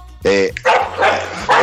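A dog barks about four times in quick succession, loud, with a low steady hum running underneath, as fighting dogs are being chased out.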